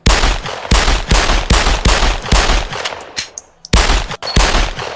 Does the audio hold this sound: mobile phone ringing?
no